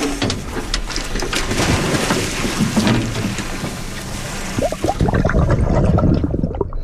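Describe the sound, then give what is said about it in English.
Splashing water fills the scene as divers drop into the sea from a research boat to release sunflower sea stars, with a few sharper splashes near the end over a steady wash of wind and engine noise. “the Samish dive team are getting ready to go overboard with the sea stars.”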